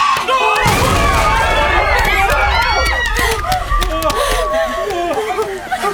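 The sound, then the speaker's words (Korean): A loud crash of a large signboard falling hits early on, followed by a sustained low rumble and clattering debris, while several people shout and yell in alarm over the commotion. “간판이, 간판이 떨어졌어.”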